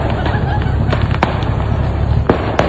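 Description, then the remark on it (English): A dense, continuous rumble of fireworks going off from a truck on fire on I-75, with sharp bursts cracking through at irregular moments, loud and sustained like a grand finale barrage. “Is this the grand finale, bro?”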